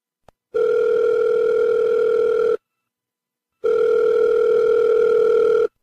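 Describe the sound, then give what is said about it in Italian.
Two long, steady electronic ringback tones sound from a phone line as the Radio Wombat show calls a professor, each about two seconds with a pause between, a clean continuous hum with no voices over it. “Quindi tutte le volte gli telefoneremo e proviamo adesso, Si speriamo sia prova?”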